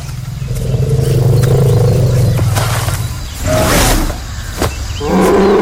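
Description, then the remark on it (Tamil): A four-ton male elephant blocking a road lets out a loud, deep, drawn-out roar, followed by rougher bursts of rumbling and a final low bellow, with no talking. “ஆனால் ஒரு ஆண் யானை இதை அடுத்த கட்டத்துக்கு கொண்டு செல்கிறது.”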